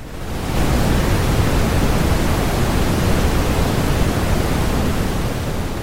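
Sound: roaring waterfall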